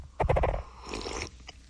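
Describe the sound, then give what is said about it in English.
A cup rubs against a microphone as someone takes a sip, making a short series of squeaky, rubbery chirps, then a higher, scratchier squeal and one last faint squeak. “Sorry, it pushed up against the microphone. It was a little squeaky, wasn't it?”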